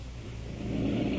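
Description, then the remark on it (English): Labored, raspy breathing of a woman patient receiving oxygen while awaiting an ambulance, with a steady hiss of oxygen, a continuous rough rumble that grows slightly stronger, with no voices. “Is it the forced breathing that's making the noise?”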